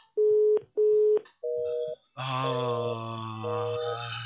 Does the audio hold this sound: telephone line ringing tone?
yes